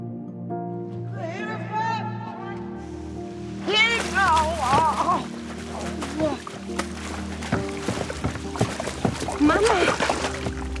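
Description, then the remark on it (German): A woman falls into the water by a jetty: a sudden burst of splashing water, followed by continued churning and splattering. Distressed voices cry out over the splashing throughout. “Dann wäre nur sie da gewesen, als ihre Mutter sich zum Steg geschlichen hat und ins Wasser gefallen ist.”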